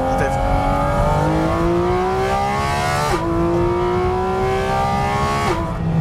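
A high-revving Porsche 718 Cayman GT4 RS engine climbs steadily through the gears, its pitch rising then dropping briefly at each shift, loud, with a raw, continuous snarl throughout.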